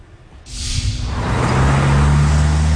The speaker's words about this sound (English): A busy intersection in the city of Baltimore. Cars zipping by may not know they're being watched.